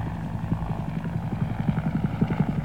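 Huey helicopters, Air Mobile escorts to the mouth of the Nung River, fly by with a rapid, steady low thumping of rotor blades over a rumbling engine drone, with no voices.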